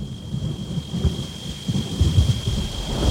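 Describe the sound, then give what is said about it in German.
Deep, rolling thunder from an approaching storm at a mountain pass rumbles continuously through the whole stretch, swelling in low surges, with a steady wash of rain and a faint high whine running underneath. “Ich hoffe, sie führt uns jetzt nicht in ein Unwetter.”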